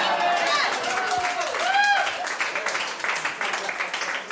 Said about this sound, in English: I just want to point out, you guys all applauded for Tom Raper RVs.